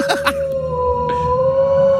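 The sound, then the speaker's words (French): A voice imitates a wolf howl: after a couple of short voiced sounds, one long, steady, high-pitched tone is held for nearly two seconds, loud. “Le loup qui fait comment, le loup, hein?”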